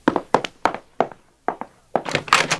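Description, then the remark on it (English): A wooden door being opened: a series of dull thunks and knocks, then a louder rattling scrape as it swings. No voices. “If you'd open the door, you'd probably find out.”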